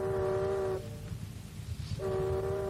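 A ship's horn gives two long, steady, low-pitched blasts separated by about a second of quiet, with a constant low rumble underneath throughout, as the ship casts off its moorings.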